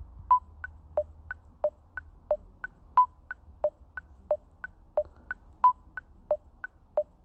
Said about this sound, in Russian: Проверяю здесь темп. Темп 90 ударов. Сразу он и здесь показывается у меня. И теперь запускаю метроном. Старт.